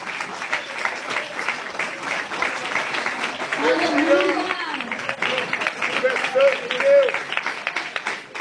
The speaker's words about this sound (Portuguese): Pode se assentar com as palmas gloriosas para Jesus.